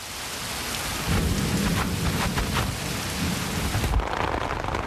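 A heavy summer downpour hisses steadily while deep thunder rumbles and rolls through the low end, swelling and lingering across the whole stretch with no voices present.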